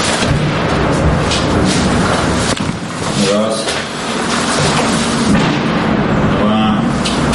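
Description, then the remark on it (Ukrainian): Heavy booms of shelling go off again and again in Druzhkivka amid a constant loud, rumbling roar, with brief voices heard faintly in the background. “Раз за разом лунають вибухи.”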